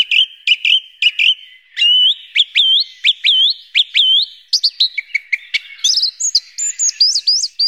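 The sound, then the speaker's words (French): A song thrush sings loudly, repeating bright whistled phrases and sharp chirps in quick succession, with no voices. “Merci beaucoup Gilles pour cette découverte de la grive musicienne et de son univers.”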